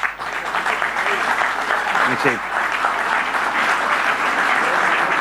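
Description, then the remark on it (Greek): Sustained applause from a sizable audience for Deputy Minister Nikos Tachiaos, requested by the speaker, a dense, steady wash of clapping that holds for several seconds, with a brief spoken voice faintly poking through near the middle. “Θα μου επιτρέψετε όμως να κάνω ειδική αναφορά στον Υφυπουργό, τον Νίκο τον Ταχιάο, και θέλω ένα χειροκρότημα για τον Νίκο, παρακαλώ.”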